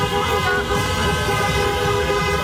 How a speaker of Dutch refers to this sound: Ja, en dat leidde natuurlijk ook tot feestelijkheden bij ons in de regio. In de stad Rotterdam bijvoorbeeld heel veel getoeter.